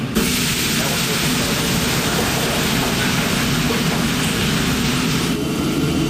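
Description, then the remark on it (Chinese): Oil sizzles steadily in a hot wok as cooking of the day's big meal begins: a loud, dense, even hiss of crackling spatter that holds for several seconds with no voices over it. “起锅烧油，今天的大餐正式开火。”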